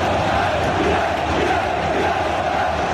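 A dense, steady roar of football fans chanting together in a stadium, a continuous wash of massed voices holding an even loudness throughout, with no single speaker standing out.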